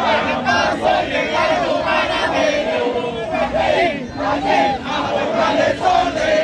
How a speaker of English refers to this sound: I can hear the drums banging off in the distance as the Panamanian fans continue to sing and chant as they have been for some time.